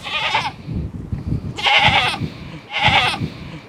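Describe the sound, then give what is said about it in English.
Goats on a farm bleat three times in quick succession, loud, each call a wavering, nasal cry about half a second long with soft rustling and low farmyard noise between them. “The goat's bleating.”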